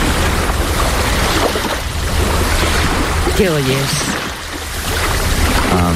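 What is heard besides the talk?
sea waves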